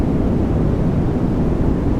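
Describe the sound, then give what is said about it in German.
A steady, unbroken wash of white noise, played as a sleep aid, fills the whole stretch at constant loudness, with a deep rumbling hiss much like an airplane cabin drone and no voices. “und neben Deltawellen wird im Netz auch noch das weiße Rauschen als Einschlafhilfe diskutiert, sogenanntes White Noise. Das ist wirklich nur so ein Rauschen.”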